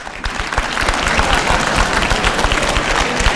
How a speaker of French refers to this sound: Alors applaudissez celles et ceux parmi vous qui ont des enfants. Et ceux qui estiment n'avoir aucun problème pour se faire obéir, applaudissez.